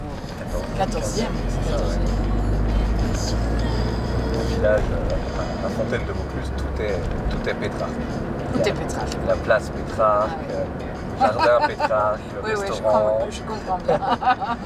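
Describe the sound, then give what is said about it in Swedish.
A steady low engine rumble and road noise fill the cabin of a moving car while two people, a passenger and a hotel owner, chat conversationally over the drone on the way to the fountain in Vaucluse. “Jag sitter i en bil och småpratar med hotellägaren”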